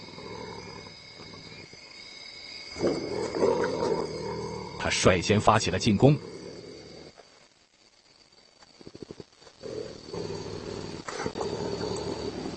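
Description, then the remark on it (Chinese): An African civet, a mainly carnivorous animal with strong teeth, cautiously tests its opponent and growls threateningly: a rough, rumbling snarl that swells into several harsh, clustered bursts midway, with a narrator's voice talking over parts of it. “非洲灵猫小心翼翼地试探着，并发出威慑性的咆哮声。”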